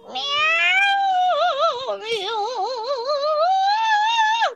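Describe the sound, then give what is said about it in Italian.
Many cats yowl and caterwaul loudly in one long, continuous wail, the drawn-out cries wavering and warbling in pitch for several seconds with no talking. “Un'invasione di gatti.”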